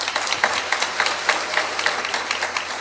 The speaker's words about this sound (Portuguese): Queremos agradecer também a todos aqueles que de forma direta ou indireta estão nos ajudando com as colaborações, os nossos patrocinadores. A todos eles a nossa gratidão com uma salva de palmas.